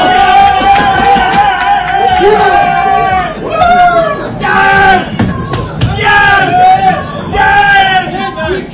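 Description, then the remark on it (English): Moroccan reporters, many wearing Morocco jerseys, cheer and chant together in Gillette Stadium's enclosed press box while covering a soccer match, in loud, sustained bursts, rising and falling in a rhythmic pattern with shouted vocal tones throughout. “Ben Volen, who typically covers the Patriots and the NFL for the Boston Globe, took the following video of Moroccan reporters cheering in Gillette Stadium's enclosed press box after yesterday's 1-0 win over Morocco.”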